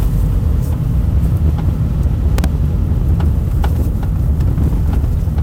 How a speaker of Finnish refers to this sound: Se kuuluu aina hetkittäin, varsinkin tuolla lopussa. Kuunnakaa. Se nakuttaa. Perässä selvästi tuossa taka-akselin.